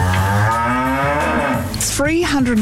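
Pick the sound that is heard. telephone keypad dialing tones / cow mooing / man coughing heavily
cow mooing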